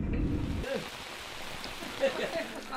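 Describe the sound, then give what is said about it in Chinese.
A heavy rainstorm pours down on a rammed-earth wall of an old building being protected, in a steady, dense hiss, with a deeper rumbling wash at the start before settling into continuous downpour; faint voices murmur briefly in the background. “刚刚做好夯土墙的保护后，暴雨便如期而至。”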